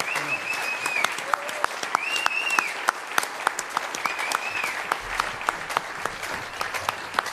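Steady applause from an audience, a dense wash of clapping with a few sharp claps standing out, plus faint whistles and cheers rising above it throughout.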